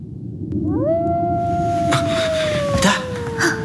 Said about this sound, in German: schliefen, trat nur in ihrem Nachtgewand und barfuß hinaus in den Schnee, worauf wir bald den Wolf heulen hörten, der ihr aber nie ein Leid zufügte.